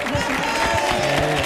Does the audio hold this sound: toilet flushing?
no